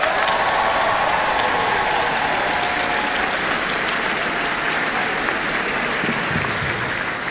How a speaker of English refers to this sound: Another round of applause, everyone.